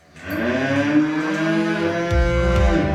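A cow lets out one long, drawn-out moo, loud, with a rich droning tone that holds steady for a few seconds and no one talking.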